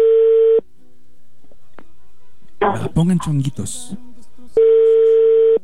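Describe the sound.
A steady electronic ringback tone sounds twice, each burst lasting about half a second to a second, with people speaking briefly in between.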